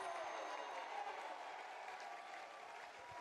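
A baseball stadium crowd cheers and applauds in a steady, dense roar with scattered claps and whistles, holding strong for about three seconds with no voices standing out, after pitcher Carson Estridge's sidearm called strike three for the first out of the inning.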